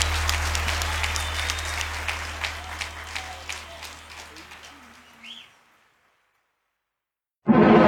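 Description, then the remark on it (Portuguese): A crowd applauds in a dense, steady patter of clapping that gradually thins and fades out, followed by a couple of seconds of silence before a loud burst of sound cuts in at the end, on Interativa FM radio. “de palmas”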